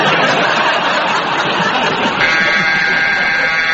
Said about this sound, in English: And that very attractive, very long buzzer means that's the end of that round, and it is the end of tonight's programme.